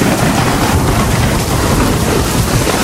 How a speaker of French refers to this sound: C'est alors qu'au plus fort de la tempête, alors que la nuit est maintenant complètement tombée,